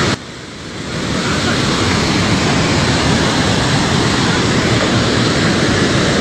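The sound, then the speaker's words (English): A loud, steady roar of rushing floodwater from a partly failed dam swells up within the first second, then holds as a dense, unbroken, overwhelming wash of noise. “Yeah, the dam itself hasn't fully failed.”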